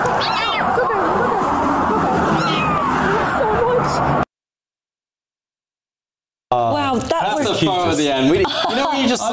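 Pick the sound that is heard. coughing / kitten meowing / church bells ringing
kitten meowing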